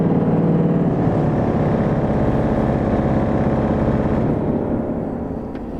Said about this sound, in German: dann werden die großen 12-Meter-Pfeifen angespielt